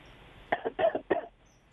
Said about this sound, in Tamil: இருமல் சத்தம் மட்டும் கேக்குது. வணக்கம். வணக்கம். ஓகே, லைன் கிடைச்சும் அவங்க பேசல.